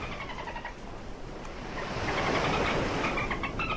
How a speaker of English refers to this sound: Is that a noise the dolphin makes? What's the dolphin noise?